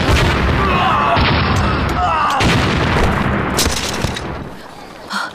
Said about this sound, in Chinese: 爆炸了